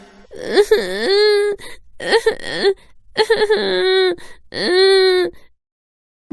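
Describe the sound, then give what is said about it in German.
A voice acts out a child's crying in four drawn-out, wavering wails, each rising then sustained on a high sobbing pitch, separated by short pauses, fairly loud. “Er begann zu weinen.”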